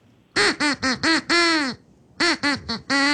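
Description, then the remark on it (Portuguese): A duck quacks out a short snippet of a song for listeners to guess the band and song: five loud, pitched quacks in quick rhythm, the last one drawn out, a brief pause, then four more, with no talking. “Vai mais uma vez, pato, esse trechinho.”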